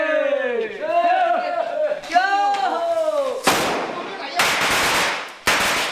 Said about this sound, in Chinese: 鞭炮与呼号声划破了夜空，房子的第一道排扇立起来了。